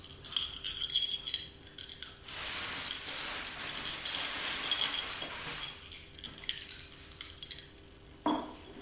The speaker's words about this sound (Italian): Il rumore di caramella nei denti. Caramella masticata.